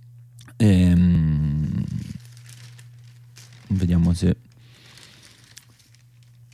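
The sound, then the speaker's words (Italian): Pages of the Italian newspaper Il Fatto Quotidiano rustle and crinkle in two loud bursts as it is opened, the first longer, the second brief, while a man speaks briefly over a steady low hum during a press review. “Diciamo che poi sul campo largo della sinistra decide di aprire il Fatto Quotidiano, che dedica proprio il primo titolo.”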